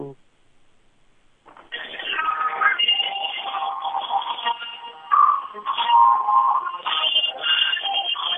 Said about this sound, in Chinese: 声音可以再大一点，伴奏。 我搁手机放的，就这么大声了，最大声。